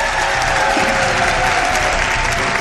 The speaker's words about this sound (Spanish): Un aplauso para él.